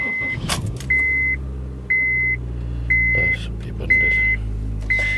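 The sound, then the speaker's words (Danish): An old petrol Honda car engine starts with a short burst of cranking, then settles into a steady low idle while a warning chime beeps about once per second. “Nu vil jeg i hvert fald starte min gamle Honda her.”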